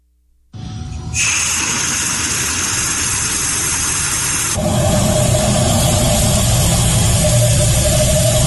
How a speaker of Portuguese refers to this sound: É o som do vento, ar saindo da torneira e o relógio, ó, girando, fazendo a cobrança. É vento, né? ele tá pagando uma conta de vento.